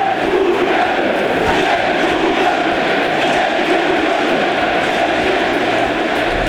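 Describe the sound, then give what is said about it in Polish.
A dense, steady roar of a football stadium crowd of 33,000 Wisła Kraków fans shouting together, loud and sustained for the whole stretch, with no single voice standing out from the mass of noise. “Wykrzyczało 33 tysiące zgromadzonych kibiców Wisły Kraków”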